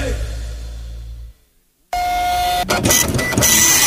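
A printer runs with a low hum, falls silent briefly, then starts up again with a steady whine, mechanical whirring and a few sharp clicks as the paper feeds through.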